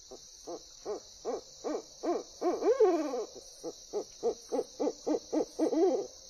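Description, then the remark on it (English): An owl hoots in a rapid, rhythmic series of short calls, broken twice by longer wavering notes. The calls are clear over a steady insect drone, with no talking. “And they lend their music to our nights.”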